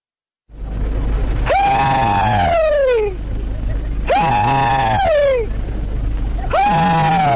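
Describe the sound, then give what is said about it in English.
Three loud, high-pitched rebel yells, the Southern battle cry, from a single elderly Confederate veteran, each a long wavering whoop that slides downward in pitch, separated by short gaps over the steady hiss of an old recording made in the 1930s at a Civil War memorial event. “This is a Confederate soldier doing his Southern battle cry, the rebel yell.”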